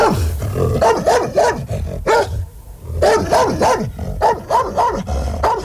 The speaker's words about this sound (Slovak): Podišiel som k ním a zabrechal som, ako najstrašnejšie som vládal.